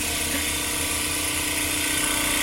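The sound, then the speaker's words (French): A tissue lyser bead mill shakes tissue samples very fast with small beads inside to break up the tissue, giving a loud, steady mechanical roar with a high-pitched whine, running continuously without breaks and with no voices. “on peut les mettre dans un tissue laser. Donc en fait, ça va agiter très rapidement avec des petites billes à l'intérieur et donc ça va permettre de déstructurer le tissu.”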